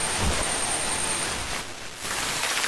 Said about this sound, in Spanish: La lluvia.